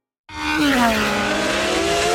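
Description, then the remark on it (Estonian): Racing cars roar past at high speed at the Estonian Grand Prix at Porsche Ringrajal in Pärnu, engines whining steadily while a sharp, sustained tire squeal slides downward in pitch, loud and continuous after a brief silent start. “Augustil kohtume taas Pärnus Porsche Ringrajal, kus kihutavad regiooni kiiremad autod ja mootorrattad.”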